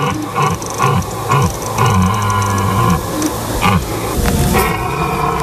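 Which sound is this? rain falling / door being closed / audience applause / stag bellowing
stag bellowing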